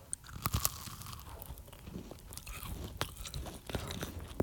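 Crisp crunching as someone bites and chews a sweet snack with a crispy outside and a sandwich-like filling in the middle, with sharp irregular cracks scattered through steady chewing noises. No one speaks.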